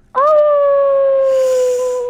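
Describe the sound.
A single long howl from a person imitating a wolf: one sustained, loud, steady tone that rises slightly at the start, turns breathy and raspy toward the end, then fades out.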